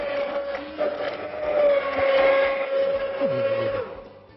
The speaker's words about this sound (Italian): Ecco, direttamente in pentola, il nostro chef col frullatore a immersione ha frullato questo bel sughetto, questo ragù,